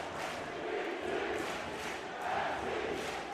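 A large crowd at a soccer match shouts and chants "NYC" and "New York City" in a loud, steady roar, with a few swelling bursts of collective yelling rising above the constant din.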